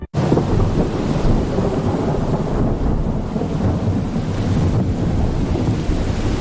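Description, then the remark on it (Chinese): Heavy rain of the arriving rainy season pours in a constant dense roar while deep thunder rumbles and rolls underneath, loud and continuous throughout, with no voices. “空中电闪雷鸣，一场大雨即”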